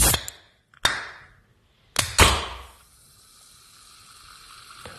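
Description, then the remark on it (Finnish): A beer can is cracked open: several sharp, hissing bursts in quick succession, followed by a steady, soft fizzing that carries on to the end. No voices. “Pystyisit sä sanomaan tästä sihautuksesta, että onko kyseessä bisse vai limu?”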